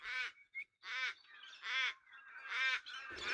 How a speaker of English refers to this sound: This is a place that's kind of a favorite for the Galah parrots that we're hearing just now. We're also in there hearing the mournful voice of the Australian raven.